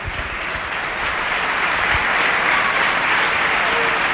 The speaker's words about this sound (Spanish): Y ahí está el aplauso a Manu Trigueros.